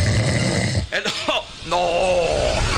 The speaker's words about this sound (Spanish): No, estaba roncando otra vez.